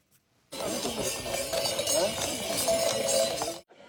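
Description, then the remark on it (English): Horses trot past at the Chagu-Chagu Umakko Festival in Iwate Prefecture with bells hung around their necks, some carrying children on their backs along a 14-kilometer route; a steady clatter of hooves and chiming bells for about three seconds, with background murmur from a crowd. “The name Chagu-Chagu is believed to come from the sound of the bells hung around their necks.”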